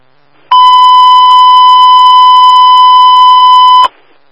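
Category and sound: signal or alarm, fire dispatch alert tones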